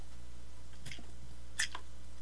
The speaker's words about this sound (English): Let me get a slurp here.